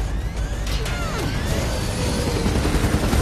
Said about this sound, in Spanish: Las balas golpean el helicóptero y se enciende una luz roja en el tablero.